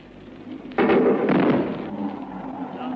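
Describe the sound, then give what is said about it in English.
A Hawker Hunter jet's supersonic double bang: two heavy booms half a second apart, loud and sudden, followed by a rolling rumble that slowly fades. No one speaks. “Here comes Neville Duke streaming in the Hawker Hunter. After giving us that admirable double bang”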